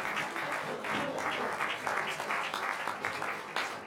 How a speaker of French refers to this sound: On peut les applaudir, c'est formidable.